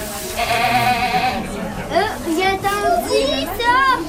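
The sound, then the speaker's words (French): Goats bleat repeatedly, their wavering, nasal cries overlapping one another, while children's voices chatter in the background. “Je suis venue voir les chèvres. J'aime les chèvres parce qu'ils sont vraiment trop mignons.”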